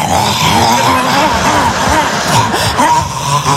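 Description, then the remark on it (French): A person vocally imitates a dog eating from a bowl: continuous loud, wet slurping, snuffling and grunting noises lasting a few seconds, with no clear words. “On dirait un chien sur une fin de gamelle.”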